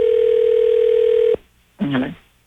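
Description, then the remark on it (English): A steady, loud telephone dial tone hums for over a second as a call is placed, then cuts off abruptly; after a short pause a brief voice is heard. “Time for another phone check.”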